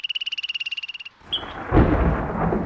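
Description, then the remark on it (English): A rapid, pulsing frog trill gives way to a deep, rolling rumble of thunder with a broad stormy wash that swells and lingers, loud. “Are you ready for storm season?”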